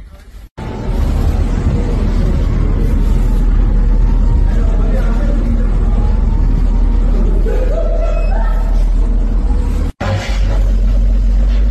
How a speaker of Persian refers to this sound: همجور که میبینید ترافیک هم از سمت شیراز لار در جریانه به سمت بندرعباس و از اونورم از طرف بندرعباس هم در جریانه.